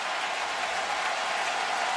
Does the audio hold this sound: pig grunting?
no